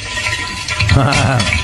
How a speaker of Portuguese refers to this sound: Ah, esse é barulho de ovo fritando. Bem louco. Estourou o ovo.